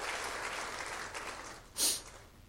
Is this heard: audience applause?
yes